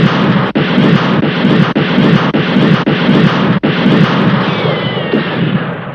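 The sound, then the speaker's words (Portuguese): A chaotic shootout: a dense, roaring wall of gunfire with sharp shots cracking through every half second or so, and a thin whining streak near the end, with no voices. “Rapazes, fogo nele!”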